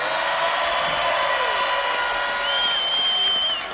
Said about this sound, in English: Can we get another huge round of applause for our indigenous drummers and dancers, y'all? Can you give it up?